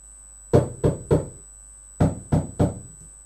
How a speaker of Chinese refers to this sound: 什么声音这么响？人们吓坏了，以为是开炮呢。哦，原来是宝贝猪在敲门。